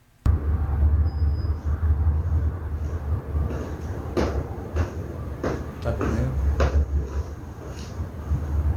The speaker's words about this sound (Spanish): ¿Taconeo? Yo escucho pasos, no ¿taconeo? Sé qué, yo no sé qué escucháis vosotros. Yo escucho pasos, como si alguien además al lado estuviese andando.